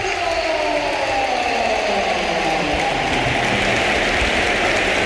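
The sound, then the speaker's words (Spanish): A stadium crowd at the Bernabéu gives a standing ovation as Bellingham is substituted off in a Real Madrid match against Málaga, a dense, steady roar of applause and cheering that stays loud and even for the whole stretch with no single voice standing out. “Y vamos a escuchar una gran ovación, ¿eh?”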